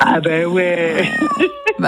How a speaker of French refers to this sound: Alors, qui se balade un peu sur les balcons parisiens et franciliens ? Qui est un... Le chat !